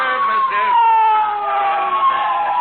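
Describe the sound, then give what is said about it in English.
A police motorcycle siren wails loudly as the officer pulls up and parks his motorcycle right in front, its steady tone gliding slowly downward in pitch as it winds down over a few seconds. “He's parking his motorcycle right in front of us.”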